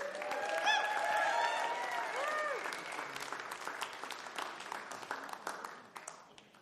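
An audience applauds a band with steady, dense clapping and some cheering, strongest at first and slowly thinning out. Brief whistles or tones from the music's tail ring out early on.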